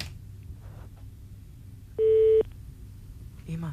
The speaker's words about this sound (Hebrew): אנחנו מתקשרים לאחד או אחת מכם, בלי היי, בלי שלום, בלי הלו. טלפון מצלצל.